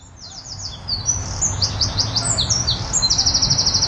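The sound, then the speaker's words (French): Several birds chirp and tweet continuously in high, overlapping calls, ending in a rapid repeated trill, over a low steady outdoor rumble. No one speaks. “Mais où sont passés les oiseaux ?”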